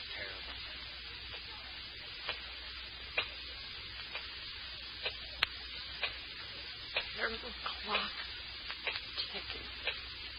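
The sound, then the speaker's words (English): A clock ticks steadily with sharp, distinct clicks over a hissy, noisy background, each tick standing out clearly. “Ticking. Yeah, I know. I've been sitting here listening to it.”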